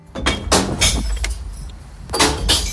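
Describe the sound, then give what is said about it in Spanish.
Glass bottles crash and clatter into a green recycling container in a series of loud, bright, jangling bursts, a short lull in the middle, then two more tumbling crashes. No one speaks. “Es el sonido de las botellas de vidrio cayendo en el interior del contenedor de reciclaje, el verde.”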